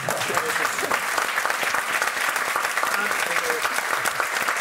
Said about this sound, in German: Hey, nochmal eine Applaus. Danke.